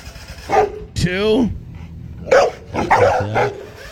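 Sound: dog barking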